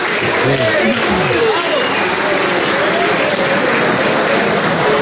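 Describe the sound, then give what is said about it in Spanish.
Loud, sustained applause from a large audience at a political meeting in Quito fills the whole clip, dense clapping mixed with scattered cheers and voices calling out in the crowd, after a speech by a Quito city council candidate. “El problema de este país es que en el momento todo el mundo te aplaude.”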